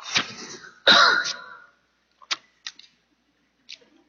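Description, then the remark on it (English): A loud cough bursts out, followed by a rough throat clearing, then a few small clicks and mouth noises trail off in near silence. “In this passage, pardon me, I'm going to cough.”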